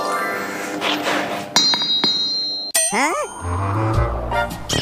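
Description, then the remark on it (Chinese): A hammer taps an anvil a couple of times in forging, as the signal for the striker to swing down, each strike giving a bright, ringing metallic clang, with workshop noise around it and no one speaking. “这个， 这个就是信号，叫你可以砸下去了。”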